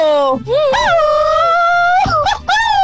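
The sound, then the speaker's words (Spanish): A loud, high-pitched Mexican grito, a sustained wailing yell that swoops up and down in pitch, broken into a few bursts with a long trilling stretch in the middle. “Oye, ese grito estuvo bien, ¿eh?”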